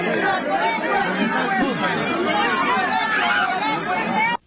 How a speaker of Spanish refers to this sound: vamos a ir escuchando un poco de los pedidos que se hacen, el sonido ambiental en este momento porque hay muchos gritos.